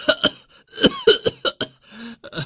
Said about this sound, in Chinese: 你还嫌我咳嗽的不好听？要知道，我已经练了整整一个晚上了。